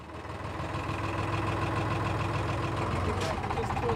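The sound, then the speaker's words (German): A boat engine idles with a steady, low rumble and a faint mechanical hum, holding an even level throughout as the boat eases slowly into a narrow southern harbor of an island to dock. “Nur wenn Wind und Tide richtig stehen, kann Steve seine Scrail sicher hineinmanövrieren.”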